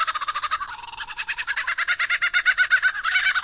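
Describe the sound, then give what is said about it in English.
A lyrebird mimics a laughing kookaburra, pouring out a long run of rapid, rhythmic cackling notes that swell louder toward the end, clear with no voices. “Lyrebirds are best known for their uncanny vocal abilities, which can incorporate spot-on imitations of other bird species, like this laughing kookaburra.”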